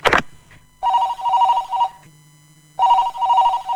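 A telephone rings in two loud, trilling bursts separated by a short pause, the classic warbling electronic ring, with a faint low hum between rings and no one speaking.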